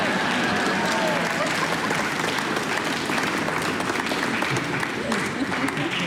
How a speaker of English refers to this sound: It's okay to clap between movements.